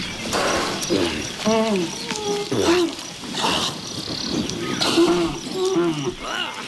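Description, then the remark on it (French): A rhinoceros bellows in several short, low, moaning calls that come and go in bursts, set against a constant buzzing of insects and rustling wildlife. “J'entends un rhino qui mugit.”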